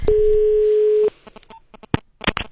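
A telephone ringback tone while a call is placed to a seven-year-old in Älta: one steady, loud, low electronic beep lasting about a second, followed by quiet clicks and faint handling noises on the line.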